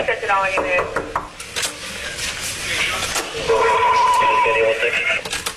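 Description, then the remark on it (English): Miami Beach police knock on a room door on the 11th floor of the Mondrian South Beach Hotel around 1 a.m. during the arrest of Andrew Gillum: several sharp, loud knocks at irregular intervals over a steady background of muffled voices and radio-like chatter. “The first knock goes unanswered seconds later.”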